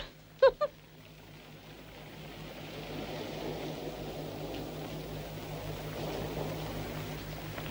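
A borrowed boat's engine drones steadily, a low constant hum with a broad wash of noise on top, after two quick sharp knocks right at the start.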